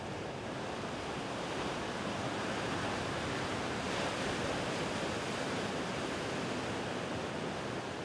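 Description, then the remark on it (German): Steady roar of sea waves breaking at the coast by a lighthouse, a dense wash of surf with no distinct individual crashes, fairly loud and continuous for the whole stretch, with no voices. “Die Kraft der See hier besonders zu spüren.”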